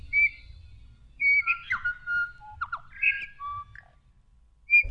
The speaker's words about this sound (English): the New Zealand Storm Petrel.